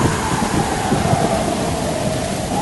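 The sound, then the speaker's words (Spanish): A steady roar of a thunderstorm on a lake fills the scene, with heavy rain hissing and wind rushing constantly, a low rumbling undertone running throughout at a loud level. “De pronto, una impresionante y aterradora tormenta llegó al lago.”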